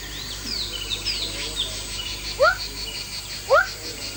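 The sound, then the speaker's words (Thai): Two short, sharp barking calls from a male Rana glandulosa frog calling for a mate with its two vocal sacs on the sides of its throat, about a second apart, each a quick rising yelp resembling a dog's bark, standing out over a steady background of insects and faint birdsong. “เขียดวักตัวผู้จะมีถุงลมที่ใช้ในการร้องเรียกคู่อยู่2ถุงด้านข้างลำคอและด้วยเหตุที่เสียงร้องของสัตว์ชนิดนี้มีความคล้ายคลึงกับเสียงเห่าของสุนัขชาวบ้านจึงเรียกเขียดวักในอีกชื่อหนึ่งว่าหมาน้ำ”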